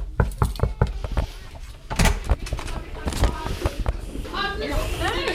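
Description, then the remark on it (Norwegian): A quick series of about five sharp knocks on the door of classroom 3B at Lervig school, followed by a louder clunk as it seems to open, then a room of voices chattering in the background. “Nå står vi på utsiden av klasse 3B her på Lervig skole, og vi banker på.”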